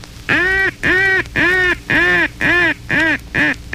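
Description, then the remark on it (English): A duck call sounds a timber call, a loud series of seven nasal quacks, evenly spaced and steady in rhythm, with no talking alongside. “The timber call is used in wooded areas, inland lakes, and on marshes.”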